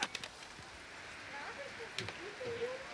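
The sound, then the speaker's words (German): Steady rain falls with a soft, constant hiss, broken by a few sharper drips and taps. Faint voices murmur in the background. “So, dann gehen wir jetzt mal alle hier rein. Bei dem schönen Regen.”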